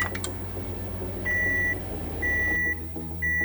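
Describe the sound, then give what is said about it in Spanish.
Three steady electronic beeps from a microwave oven, each about half a second long and evenly spaced, sounding clearly over a low background hum with no voices. “Microondas.”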